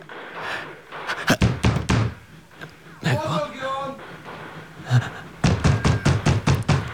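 A door is yanked open amid a flurry of sharp thuds and knocks, with heavy panting and a brief strained vocal sound in the middle.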